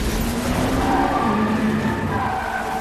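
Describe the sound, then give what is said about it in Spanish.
A motorcycle engine roars at high speed as the bike speeds off with Yelena riding behind the rider; its pitch climbs and wavers while tires skid and screech, loud throughout, with no voices. “enciende la moto y sale a toda velocidad”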